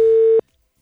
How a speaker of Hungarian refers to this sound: De a száma az ugye nem magyar. Az nem probléma? Van pénzünk. Egyszer élünk, viccelsz? Interurbán telefonálunk most.